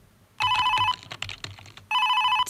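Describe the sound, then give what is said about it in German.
A telephone rings in two loud, close bursts with an electronic, warbling tone, separated by a short gap filled with soft clicks and rustling. “Telefon, oh, nö, ich will da jetzt nicht rangehen.”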